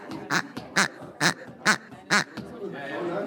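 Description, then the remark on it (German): The smallest of several chickens used as instruments for a techno piece squawks five times in a steady, evenly spaced rhythm, each cry loud and shrill, followed by a brief stretch of quieter background hiss. “Genau, das kleinste Huhn kann eine Menge.”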